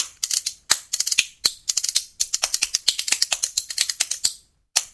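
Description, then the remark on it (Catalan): Two spoons clack together as a percussion instrument, the player's ring scraping along them for a more metallic effect, rattling out fast, bright metallic clicks in rhythmic bursts with brief pauses between phrases, loud and with no voices. “A veure com sonin les culleres?”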